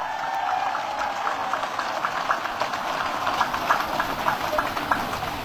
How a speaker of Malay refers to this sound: Kita beri tepuk tangan dulu untuk para pelajar, mahasiswa, pramuka.